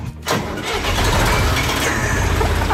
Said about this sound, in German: Ein Fendt-Gerätetraktor mit Kipper vorne dran aus dem Jahr 1977.